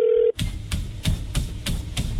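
A phone call being placed to a customer about a delayed order: a short steady tone cuts off, then a quick, evenly spaced run of dialing beeps follows, clear, with no one talking.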